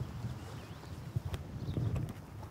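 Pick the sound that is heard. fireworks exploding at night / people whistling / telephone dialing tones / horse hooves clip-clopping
horse hooves clip-clopping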